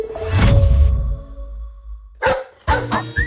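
A dog barks loudly: one drawn-out bark that fades, then two sharper barks after a short pause, with no one talking.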